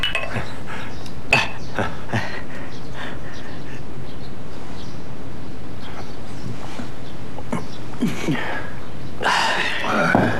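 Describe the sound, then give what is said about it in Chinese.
Several sharp glassy clinks ring out amid a busy clatter of dishes and tableware as a group toasts with drinks at a hosted meal, with a crowd of voices murmuring underneath and a brighter burst of clinking near the end. “咱得喝一杯吧。 好， 来 来， 好， 来来来来来，干杯！”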